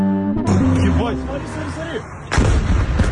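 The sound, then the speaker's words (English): A Ukrainian drone explodes over 60 miles into Russian territory, a loud, heavy boom, followed by rumbling and people's voices, then a second sharp blast near the end. “A Ukrainian drone explodes yesterday over 60 miles into Russian territory in video footage shared on Telegram and verified by Al Jazeera.”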